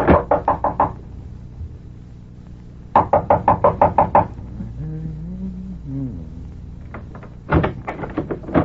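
A quick series of firm knocks on a door, followed by a pause with a faint low tonal hum, then a second burst of rapid knocking and a final cluster of raps, fairly loud.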